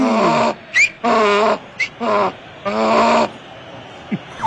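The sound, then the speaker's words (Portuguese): A horse neighs loudly as a sound effect, the 'relincho do Hexa' played on a broadcast after a Brazil win, a wavering whinny broken into several quick bursts with short high squeals between them, and no voices alongside. “Deu Brasil, coloca o relincho do Hexa aí”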